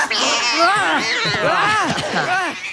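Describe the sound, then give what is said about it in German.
Three young kittens meow and yowl continuously as they spring out from under a jacket, their high, wavering cries overlapping in a loud chorus for a few seconds. “Drei junge Kätzchen waren darunter hervorgesprungen”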